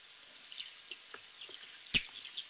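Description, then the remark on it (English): A mysterious underwater quacking sound recorded by the Navy, played back on a tape recorder: a sequence of short, raspy, nasal pulses at irregular intervals, mostly faint, with one sharper, louder burst near the end and no voices. “It sounds a bit like a few Donald Ducks at a very long distance.”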